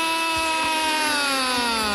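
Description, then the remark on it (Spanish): A vuvuzela at a football match, sounded for a Colombia goal, blares one loud, unbroken buzzing note for the full two seconds, its rich brassy drone holding steady and sagging slightly in pitch toward the end, with no voices. “¡Que suene la bubucera!”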